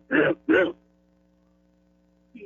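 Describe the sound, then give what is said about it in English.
A voice imitates a bullfrog with two deep, throaty croaks in quick succession, each loud and gruff, followed by silence and a brief faint vocal sound at the end. “Okay, I can do frogs, bullfrogs, squirrels.”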